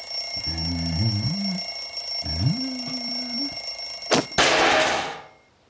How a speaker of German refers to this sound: Schon als am Morgen der Wecker rasselte, merkte Lieselotte, dass heute etwas anders war.